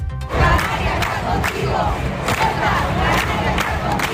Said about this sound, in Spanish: Así sonaban anoche las manifestaciones en todas las islas. Solo en las capitales, más de 7.000 personas en las Palmas de Gran Canaria, 3.000 en Santa Cruz de Tenerife.